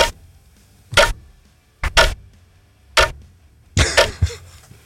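Loud, crisp ticks of a watch sound about once per second, a few coming in quick doubled pairs, with no talking over them.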